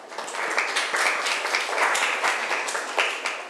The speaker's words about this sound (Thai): เก่งมากค่ะปรบมือให้เพื่อนหน่อยค่ะ